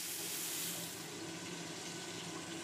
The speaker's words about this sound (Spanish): Primero los doramos y los añadimos a la sémola, luego agregamos agua poco a poco hasta que el sherem esté listo.